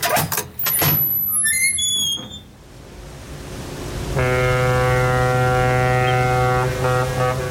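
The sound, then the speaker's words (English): A door creaks open with a couple of seconds of high, wavering squeaks, then after a brief lull a loud, steady, low horn-like drone holds for about three seconds. “Mind your head there. I'll get the door.”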